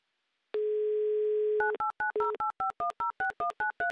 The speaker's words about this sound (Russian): Итак, набран номер телефона. Звоним мы Наталье в Красный Сулин. Как только пойдут гудки